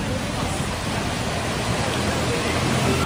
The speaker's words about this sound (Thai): ภาพก็จะเป็นอย่างที่คุณผู้ชมเห็นนะคะคือบางจุดเนี่ยเป็นคลื่นน้ำซัดเข้าไปในบ้านแล้วก็มีภาพที่ชาวบ้านต้องวิทน้ำออกจากบ้านตัวเองด้วยค่ะ